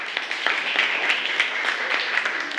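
A group claps steadily for a few seconds, a dense patter of many hands forming a continuous, moderately loud applause with small bursts of sharper claps throughout.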